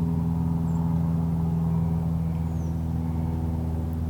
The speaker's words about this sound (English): After the drone of the airplane engine fades away, the American Robin's evening song begins to be heard.